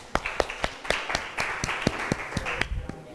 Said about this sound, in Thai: ขอเสียงปรบมือดังๆเป็นกำลังใจให้เพื่อนของเราหน่อยค่ะ